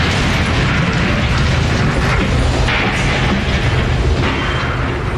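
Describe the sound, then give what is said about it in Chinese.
A loud explosion as a flock of pigeons on a lawn suddenly blows up, with a dense, roaring rumble that stays heavy and broad for several seconds instead of dying away quickly. It is powerful, and nobody speaks. “草坪上的鸽子群突然爆炸了。”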